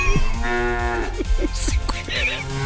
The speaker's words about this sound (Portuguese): Vamos lá, gente, mugido especial para aquela pessoa especial.